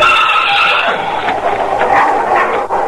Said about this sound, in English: Yeah, listen to that. That's a wolf. Where is he? In that shed in front of the colt.